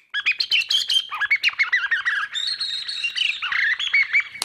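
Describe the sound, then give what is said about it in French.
A hunting decoy whistle imitates a bird's call to lure it within shotgun range, in rapid, continuous chirps and warbling trills, fairly loud, running unbroken for several seconds with no talking. “Donc le but, c'est d'imiter le cri de l'animal que l'on veut apporter à soi et à portée de fusil.”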